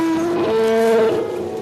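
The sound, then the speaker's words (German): An elephant vocalizes in one long, loud, tonal call that holds a steady pitch, shifting slightly upward partway through, with no talking. “Ein Elefant.”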